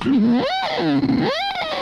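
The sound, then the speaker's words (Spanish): A voice imitates the siren-like sound of a lighthouse, its pitch swooping up and falling back down in two long, loud cycles with no other sound around it. “Eso es más una sirena, ¿no?”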